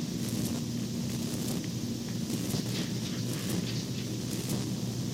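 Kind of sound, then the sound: nature, rain falling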